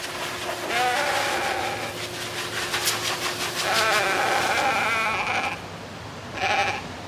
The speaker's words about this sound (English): and I'm just here with my sheep, getting them ready for the show, breeding show that we have on Monday. So the sheep is making his voice heard here.